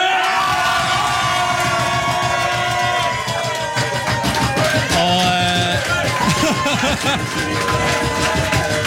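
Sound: crowd cheering in celebration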